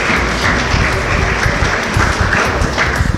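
Sustained applause from a sizable audience at a scouting (harcerstwo) award gala as award winners are announced, dense steady clapping filling the whole stretch at a loud, even level with no voices standing out.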